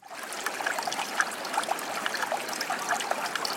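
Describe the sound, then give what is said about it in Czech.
A shallow stream trickles and babbles steadily where it flows into a bend with sand deposited along its edge, with bright little splashes and gurgles popping up over a continuous wash of flowing water and no voices. “Tady na kraji potoka, kde teče do zatáčky, je nanesený písek.”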